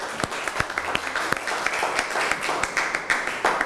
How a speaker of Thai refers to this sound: ขอบคุณค่ะขอเสียงปรบมือให้ตัวแทนนักเรียนนะคะ